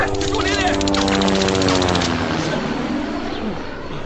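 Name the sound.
enemy warplanes flying overhead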